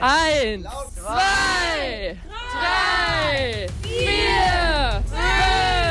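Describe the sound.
Schoolchildren of class 6B at the Hauptschule Scharnhorst cheer and shout together in loud, rising and falling whoops, their high voices overlapping continuously like a roaring stadium crowd.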